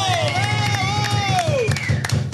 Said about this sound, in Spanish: Y ahí los del staff, para los que pido un aplauso fuerte. ¡Claro que sí! ¡Qué bonito!